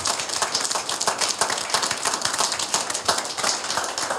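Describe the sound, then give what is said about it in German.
An audience at an event in Gera claps steadily for several seconds for those who presented the event, a dense, even patter of many hands with no voices over it, holding at a moderate level throughout. “Sollten Sie sich dieser Meinung anschließen, vielleicht einen kleinen Applaus für alle, die diese Veranstaltung heute präsentiert haben.”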